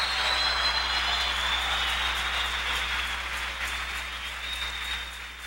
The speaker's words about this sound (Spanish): Así que ni el que planta es algo, ni el que riega, sino Dios quien da el crecimiento. Un aplauso al que da el crecimiento.